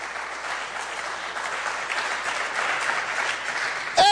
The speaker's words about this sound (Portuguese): Quem quer dar um glória a Deus e um aplauso ao Senhor?